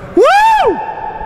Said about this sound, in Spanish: Ya, no se quedó el eco, nadie miró, pero se quedó el eco bien. Sí, para todo el mundo miró. ¿Se escuchó el aire? Todo el mundo me dice, se escuchó el eco.